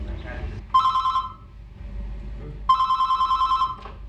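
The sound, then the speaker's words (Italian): A telephone at an AIDS counselling helpline in Ticino rings twice, each ring a bright, warbling electronic trill lasting about a second, separated by a short pause, with a low murmur of background noise underneath. “In Ticino si è cominciato con un numero telefonico, con una consulenza contro l'AIDS.”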